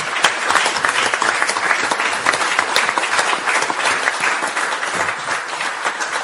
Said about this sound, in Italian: Volevo anticipare, sì, facciamo un applauso a Eminenza.